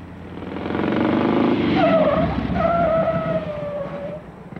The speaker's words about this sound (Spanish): Su carcachón viene echando mucho humo. Su carro echa más humo que una locomotora antigua.